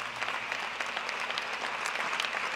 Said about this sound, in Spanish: Denle un aplauso al amor de Dios manifestado en Cristo Jesús.